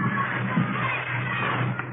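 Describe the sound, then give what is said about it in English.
A steady wash of children shouting and yelling as they run around in a schoolyard, many overlapping voices blending into a continuous crowd din with no single voice standing out. “You start in the schoolyard like those kids down there, running around, yelling.”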